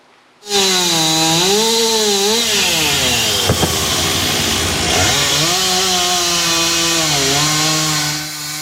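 A loud chainsaw starts abruptly and runs steadily, its buzzing engine pitch rising and falling as it revs and bogs down while cutting a large fallen tree into pieces to clear Râul Doamnei street in Bucharest's Drumul Taberei district, where the tree fell on a parked car and trailer, with no voices.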